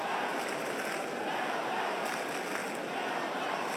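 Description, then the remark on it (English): A steady, dense murmur of a big crowd reverberating around the MCG stadium right up to the back row during a match, an even wash of blended voices with no single voice or cheer standing out. “Little burble reverberates around the MCG. Right up to the back row.”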